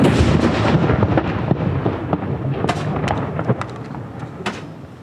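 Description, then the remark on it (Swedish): Cannon salute shots in Norway, fired after the death of King Harald V, boom one after another, echoing, over a steady low rumble, with several sharper cracks standing out toward the end. “Kyrkklockor och salut. Smällar hör vi från Norge”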